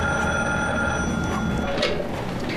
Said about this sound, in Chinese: 你快接电话吧，也不知道是谁，都响了好几次了。